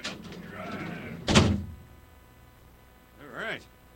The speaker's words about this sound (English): So now I got to incarcerate myself. Go and lock in the big-ass door. Hey, big-ass door. There it is.